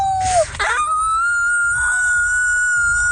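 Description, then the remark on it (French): Franco-Ontarian schoolchildren imitate wolf howls for the Festival du loup: a short falling wail, then a long, steady, high-pitched howl held for a few seconds over a low, murmuring background. “Les élèves franco-ontariens qui font leur meilleur hurlement de loup.”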